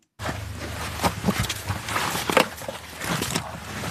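Footsteps descend a few steps into a dark underground passage, about 1 metre wide and 1.5 metres high, leading to a Bundeswehr drone team's command post in Lithuania: several irregular scuffing thuds over a steady hiss of background noise, with no one talking.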